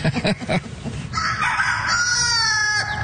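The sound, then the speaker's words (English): A rooster crows loudly in one long, strained call, preceded by a quick burst of clucking from other fowl, with faint barn bustle underneath, in the education barn of a fair. “Man, these are funny looking birds.”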